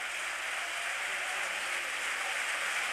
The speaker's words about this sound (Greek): Ο Τέιλορ παίρνει το χειροκρότημα από την Τούμπα. Έτρεξε πολύ ο Σκοτσέζος.